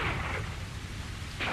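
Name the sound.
heavy rain shower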